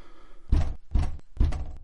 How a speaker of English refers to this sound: I knock.